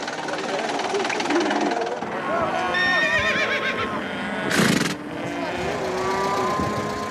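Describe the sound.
A horse whinnies in a long, wavering, high-pitched call amid the steady hubbub of a Sunday livestock market in the town of Karakol, with murmuring voices, lowing cattle and a short loud rushing burst near the end.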